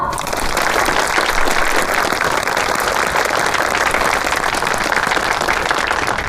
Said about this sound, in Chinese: 各位同仁，各位亲友，让我们以热烈的掌声感谢黑田大佐。